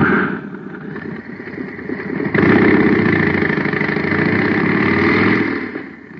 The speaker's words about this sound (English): Now listen to the same jet cycle filled with super fuel.